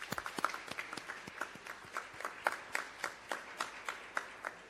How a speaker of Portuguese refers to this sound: Muito obrigado à cidade de Maputo. Uma forte salva de palmas.